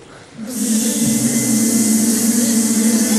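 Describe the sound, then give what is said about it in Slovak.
Choirs hum and buzz together with their mouths in imitation of a beehive, a steady droning swarm of voices swelling in after a brief quiet start and holding a dense, sustained low buzz. “atmosféru úľa si vytvoríme pomocou našich úst.”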